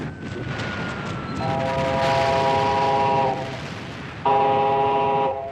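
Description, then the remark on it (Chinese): A train rumbles at a small railway station platform on the outskirts of Shanghai while its horn sounds two long, loud blasts, the second following a brief pause, over steady rolling railway noise. “一个月后，上海郊外一个小火车站的月台上，齐长鹏和萧啸天在等待着。”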